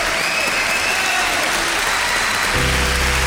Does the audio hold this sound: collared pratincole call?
no